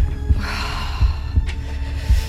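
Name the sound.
heartbeat pulse sound effect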